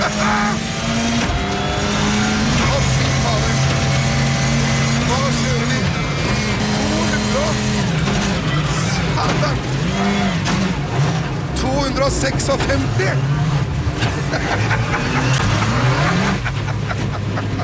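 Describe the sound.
A car engine roars at high speed, revving up and down through gear changes with rising and falling pitch, loud and close, with voices shouting over the engine noise.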